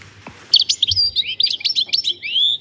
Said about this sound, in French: Le chardonneret. Le chardonneret. Avec ses jolies couleurs, c'est vraiment très bien.